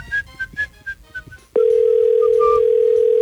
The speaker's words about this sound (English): Come on, pick up the phone. We said we were going to call you. Hello, hello. Don't go to voicemail. Please don't go to voicemail. You're going to miss out. If your phone's ringing right now, you better pick that thing up.